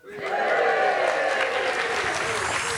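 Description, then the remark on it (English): A live audience of listeners at a recording of the BBC's Newscast breaks into steady applause, a dense wash of clapping that swells quickly and holds at a loud, even level throughout, with a faint murmur of voices mixed in. “There's an audience of newscasters here to listen to an episode of Newscast.”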